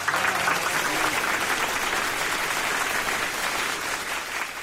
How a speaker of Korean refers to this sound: 박수갈채가 또다시 터졌다.